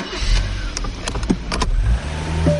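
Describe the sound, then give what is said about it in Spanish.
A car engine runs steadily with a low rumble, broken by a few sharp clicks and brief mechanical whirs, at a moderately loud level with no talking, in an advertisement for Quaker State motor oil. “Oye, sí, tú, no olvides que aquí voy contigo, cuidando tu motor.”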